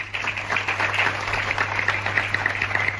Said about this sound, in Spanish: Son los aplausos de la ciudadanía de San Vicente tras ese silencio y tras la lectura de un manifiesto por parte del alcalde en la subdelegación del gobierno.